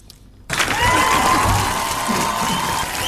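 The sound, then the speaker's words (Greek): After a brief near-silence, loud applause bursts in and holds steady, dense clapping mixed with crowd cheering and a few high whoops, with no speech over it. “Και θέλω ένα χειροκρότημα.”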